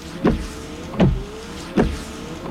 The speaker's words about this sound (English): Give up? It's Rain-X wiper blades. You see, Rain-X is already America's number one brand of wiper blades, so we can't move up any higher.